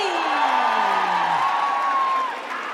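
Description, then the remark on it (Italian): An audience cheers loudly and steadily for a group of dancers, with high whoops and shouts gliding over a dense wash of clapping and roaring voices, fading slightly near the end. “Un applauso a questi meravigliosi ballerini.”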